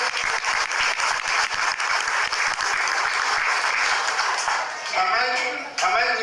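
A crowd applauds steadily, dense overlapping claps filling the whole stretch, with a few voices and cheers rising near the end, applauding a school official introduced at a preschool education event.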